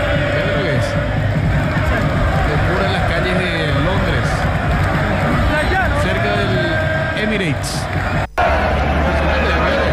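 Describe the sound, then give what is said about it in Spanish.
A large crowd in England celebrates, roaring and chanting continuously, a dense wall of cheering voices that stays loud throughout, with a brief dropout near the end. “Para irnos a la pausa, los festejos en Inglaterra. ¿Cómo está el ambiente allá?”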